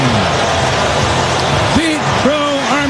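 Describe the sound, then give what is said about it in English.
A ballpark crowd roars loudly and steadily after a 435-foot leadoff home run in the first inning off Reds left-hander Andrew Abbott, the hitter's 34th of the year. It is a dense wall of cheering, with individual voices whooping and shouting over it in the final second. “Listen to this crowd.”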